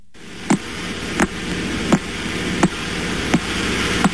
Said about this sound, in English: Well, that is the metronome-like ticking of a pulsar. Though, of course, many pulsars tick much, much, much faster.